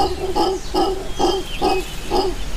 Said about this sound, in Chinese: 吼猴顾名思义，一旦放声大叫起来，震天动地，它们绝对是动物特种部队中高效通信专家，它们的叫声远在几公里外都能听得到。